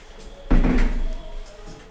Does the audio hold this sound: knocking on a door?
yes